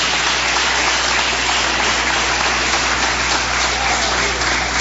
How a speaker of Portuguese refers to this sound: Vamos ouvir a minha esposa? Palmas bem forte, alegres para Cristo.